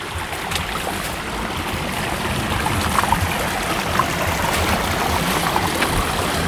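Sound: flowing mountain stream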